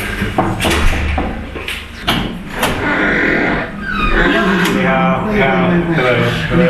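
A few sharp clicks and clunks of an unmarked apartment door on the sixth floor of a Beijing apartment building being unlatched and opened, followed by a swell of voices from the secret church inside.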